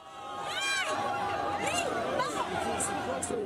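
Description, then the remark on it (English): A crowd of several hundred Spaniards cheers and shouts together very early in the morning, marking the end of the hard border with Gibraltar; a dense, steady wash of voices with rising and falling whoops and yells cutting through at high pitch throughout. “That's cheering from a crowd of several hundred Spaniards very early this morning.”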